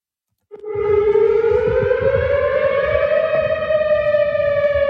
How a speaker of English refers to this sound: And that was a weather siren heard on the Western University campus last evening when a tornado warning was issued after a powerful line of storms moved through.